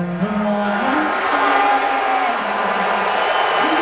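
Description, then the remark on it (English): A big arena crowd at Madison Square Garden during Game 3 of the NBA Finals booing President Trump, shown on cameras during the national anthem, in a loud, sustained, droning wave, with scattered cheers and shouts mixed into the roar throughout. “And finally, the boos were louder than the cheers.”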